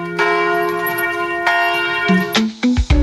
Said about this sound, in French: Une légende dit que les cloches de l'ancienne église ont été enfouies suite à différentes guerres, ont été enfouies dans la vallée, dans un marécage, et que par nuit de brume, quelquefois en automne, on entend encore les cloches sonner sur ce site.